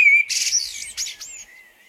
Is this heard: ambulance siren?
no